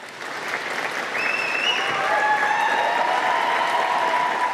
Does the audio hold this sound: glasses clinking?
no